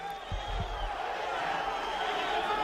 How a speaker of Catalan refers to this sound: Continuen les esbroncades.